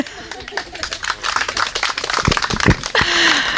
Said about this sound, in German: Genau, also wir wollten jetzt hier einfach mal, ihr wolltet klatschen.